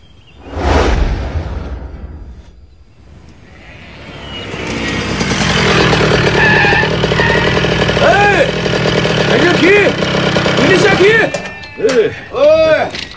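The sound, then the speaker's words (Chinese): A motorcycle engine rumbles loudly and steadily after a brief whoosh at the start, its pitch rising and falling in short revs toward the end, as the motorcycle is ridden on patrol along a border line in autumn. “有一年秋天，我骑着摩托车在边境线巡逻。”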